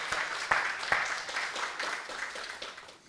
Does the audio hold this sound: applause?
yes